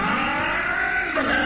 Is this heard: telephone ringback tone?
no